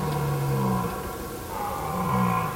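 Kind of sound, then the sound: animal, red deer stag roaring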